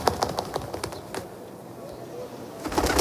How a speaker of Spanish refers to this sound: suena paloma, ¿no?